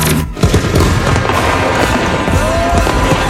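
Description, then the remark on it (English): A loud, dense barrage of fireworks: booms and crackling bursts pile up continuously, with a brief whistling streak near the end and no voices. “Are you ready for big booms and bright bursts? Get the best deals on rockets, candles, mortars, and more.”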